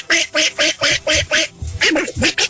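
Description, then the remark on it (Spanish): A duck quacking sound effect played from a soundboard: about six loud, evenly spaced quacks in quick succession, followed by a shorter, more ragged burst of quacking. The quacks are prominent, with no talking. “puedes poner en la botonera al Pato Berlín para que le eche ganas a la selección”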